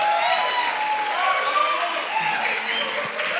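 A crowd applauds steadily for a few seconds, a dense wash of clapping mixed with cheers and whoops, loud and sustained without a break.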